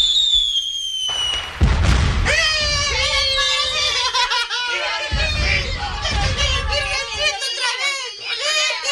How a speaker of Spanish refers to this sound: Cuando salieron de la iglesia con la nueva virgencita, hubo una gritería por parte de los vecinos y comenzaron a reventar cohetes.